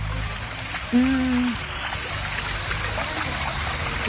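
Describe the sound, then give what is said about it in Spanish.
Sewage water rushes and gurgles steadily from two collapsed manhole covers, a constant wash of flow. Around one second a brief tonal whine rises over the churning. “Si logran dimensionar la cantidad de agua que brota, no es menor. Son dos las cámaras, bueno, las tapas de alcantarillado que se encuentran colapsadas.”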